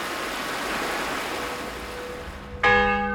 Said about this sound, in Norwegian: Så spørsmålet hva heter denne sterke mannen, som slo I stykker statuen til tordenguden Thor på Dale Gudbrands gard. Ja, det vi akkurat hørte var jo klubbeslaget på Hondorp, som ble et slags symbol på kristningen til Norge.